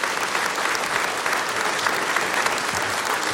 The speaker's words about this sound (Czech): Zlata Adamovská, Petr Štěpánek, a takhle vám tleská tenhle nádherný historický sál v Luhačovicích.